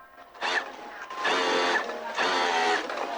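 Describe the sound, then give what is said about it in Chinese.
Sewing machines and overlock machines run nonstop in the new workshop of the Xinrui garment factory at Shaping New Town, Lingshan, Qinzhou, by the Pinglu Canal, making garments: three bursts of fast, steady stitching, each starting and stopping abruptly, moderately loud with no one talking. “崭新的车间里，缝纫机、打边机等设备不停运转，飞针走线间，一件件成衣在制衣厂员工的手下诞生。”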